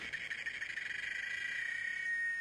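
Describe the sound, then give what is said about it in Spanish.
A cicada sings in one continuous, high-pitched buzzing drone that holds steady throughout, clear, with no voices or other sounds around it. “Por un momento no se escuchó más que el canto de una chicharra.”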